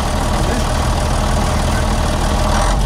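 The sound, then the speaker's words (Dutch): The engine of Henk Wijngaard's own yellow truck runs steadily, a loud, continuous low rumble with a dense mechanical chatter running through it and no break for the whole stretch. “Dan komt Henk Wijngaard in zijn eigen truck voorbij rijden. Hoor dit dan? Dat is een naaimachine.”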